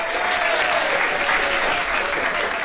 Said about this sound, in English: Make we clap our hands again for Baba God there.